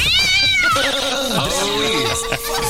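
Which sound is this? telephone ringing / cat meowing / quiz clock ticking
cat meowing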